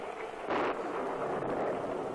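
Steady rain hisses throughout on a rainy day at home, with a brief surge of rumbling thunder swelling up early on before settling back into the downpour. No voices.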